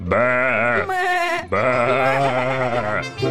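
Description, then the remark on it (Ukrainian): A flock of sheep stamps and bleats loudly: two long, wavering, quavering calls in quick succession, followed by a brief third bleat at the end. “Вівці затопотіли, забекали.”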